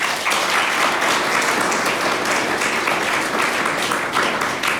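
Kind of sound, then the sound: crowd, studio audience applause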